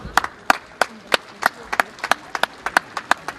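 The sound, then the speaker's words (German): Steady, rhythmic clapping of hands, about a dozen sharp claps at an even pace, clear, with no one speaking over it; applause following the presentation of an award. “die, glaube ich, einen großen Applaus verdient hat.”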